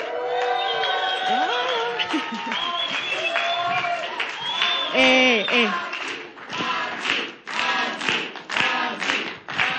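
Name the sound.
audience cheering and applause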